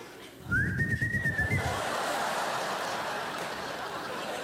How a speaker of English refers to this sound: My kids won't come. I have dogs and taxi cabs lined up in front of my house. Oh, terrible whistle.